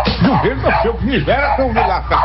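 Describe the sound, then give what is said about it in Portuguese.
Dogs barking in a quick, overlapping flurry of yaps, fairly loud, with a steady low hum running underneath throughout. “Cachorro, olha”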